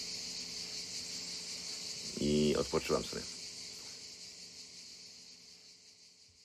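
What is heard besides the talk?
cicada chirping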